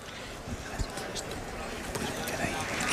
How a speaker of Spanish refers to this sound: Bueno, pues ahí tenemos el sonido del hemiciclo. Lo escuchamos, los aplausos de Congreso y Senado en sesión conjunta. Las tribunas llenas también por las imágenes que estamos viendo.